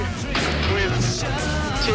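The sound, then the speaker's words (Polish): Tear gas grenades fired by police at stone-throwing students, with several dull, muffled pops at irregular intervals, partly buried in a loud, constant wash of crowd noise and indistinct voices. “Te wystrzały, które słychać, to nie karabiny, to właśnie gaz łzawiący.”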